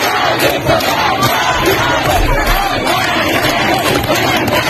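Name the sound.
street protest crowd chanting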